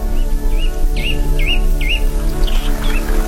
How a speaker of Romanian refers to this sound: Păsările se întorc la cuiburile lor.